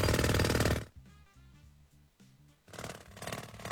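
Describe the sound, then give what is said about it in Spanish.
A jackhammer breaks up the sidewalk outside, worked by crews installing fiber optic cable for the business next door, rattling in loud, rapid bursts of pounding, stopping briefly for a quieter low rumble before hammering again, without any talking. “No, calle, recibí un mensaje de la gente que está manejando el martillo neumático.”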